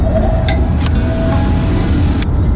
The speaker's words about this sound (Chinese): 这是工厂的机台声，也是台湾经济火车头的引擎声。